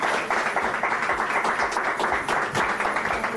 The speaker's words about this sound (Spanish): Ahí le hacemos entrega, el aplauso se está llevando ahí. Miramos para la foto, para la televisión ahí.